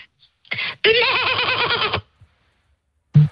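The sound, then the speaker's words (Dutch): A person imitates a bleating goat: a short bleat, then one long, loud, trembling bleat with a strong vibrato, with no other talk around it. “Ik kan heel goed een geitje nadoen, hoor ik altijd van iedereen.”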